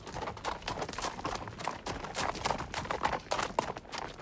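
Horse hooves clip-clop at a steady trot, a brisk repeating rhythm of hoof strikes with no voices, from a historic pack-horse train travelling along the Isel to Matrei.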